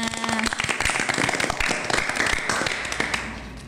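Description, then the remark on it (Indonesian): A crowd claps by hand for the school SMP Negeri 10 in a dense, continuous burst of sharp, overlapping claps that holds steady at a fairly loud level for several seconds. “Tepuk tangannya.”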